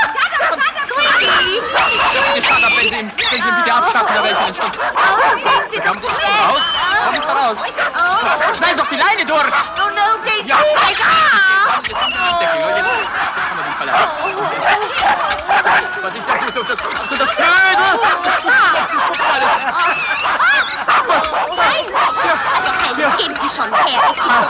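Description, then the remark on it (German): A dog that has got itself tangled up barks and whines almost without pause, loud, its yelps and high whimpers tangled with other squawking animal cries and overlapping voices throughout. “Jetzt hat sich der Hund eingewickelt.”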